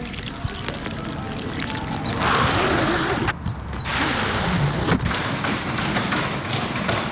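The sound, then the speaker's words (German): A beach umbrella being opened at a summer spot, recorded with a Radio RSG microphone: a rasping, zipper-like scrape and fabric rustle that breaks off briefly midway, then resumes over a steady wash of background noise. “Das in der Mitte klingt für mich auch wie der Reißverschluss von so einem Zelt, weißt du? Ja, doch, ist es aber nicht. Es ist ein Sonnenschirm.”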